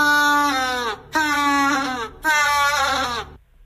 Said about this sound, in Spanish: Marcamos la B, un pingüino. ¡Es correcto!